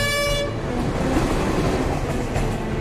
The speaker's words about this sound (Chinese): 作为全国最重要的交通干线之一，每隔五分钟就有一趟列车呼啸而过。